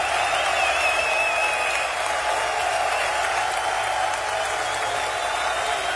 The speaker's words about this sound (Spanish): Los hijos de Shaddai aplauden.